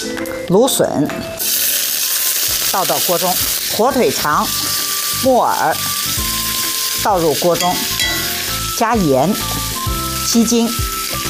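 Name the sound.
stir-frying food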